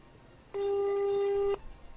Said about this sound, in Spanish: Estamos llamando ahora nosotros de un teléfono celular. Ahí está sonando.